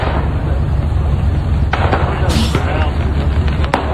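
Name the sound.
fireworks exploding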